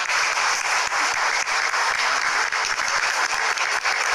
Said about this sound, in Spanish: Fuerte los aplausos para ella.